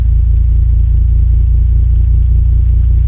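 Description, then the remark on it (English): Gravitational waves from a black hole, ripples in space-time made by its tremendous mass, converted to sound by MIT professor Scott Hughes: a loud, steady, deep rumble with a faint regular pulsing texture, continuing unbroken throughout with no voices. “We're hearing gravitational waves. They're the ripples in space-time made by a black hole's tremendous mass.”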